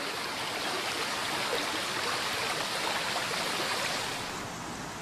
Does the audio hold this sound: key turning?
no